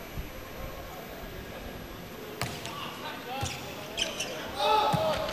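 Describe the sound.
During a volleyball match, a volleyball thuds against a hard court a few times in an irregular rhythm, followed by a sharper serve strike as a player serves, all over steady arena crowd noise and faint voices.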